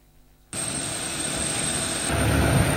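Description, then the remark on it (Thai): A loud, steady aircraft engine roar from a royal aircraft at Chitose airport in Hokkaido, Japan, starts abruptly and holds, with a high whine on top and a deeper rumble building toward the end, with no voices. “กราบบังคมทูลเชิญเสด็จลงจากเครื่องบินพระที่นั่ง”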